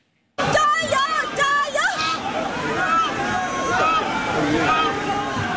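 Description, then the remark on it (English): A loud, bustling crowd shouts and cheers, with splashing water and boat noise mixed into the din, at a Dragon Boat festival event in Zhejiang province, China, where teams paddle in opposite directions in a tug of war on water. “In Zhejiang province, teams put a unique spin on the festivities with a tug of war on water, paddling in opposite directions in a test of strength and teamwork.”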